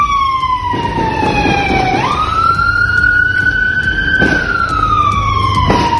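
A police patrol car siren wails loudly as it approaches the scene, its pitch dipping and then sweeping up into a steady high tone, with sharp bangs of multiple high-powered gunshots cutting through over a rumbling street background.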